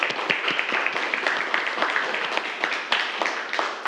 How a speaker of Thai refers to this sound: ถูกต้องครับนักเรียนปรบมือเพื่อนครับ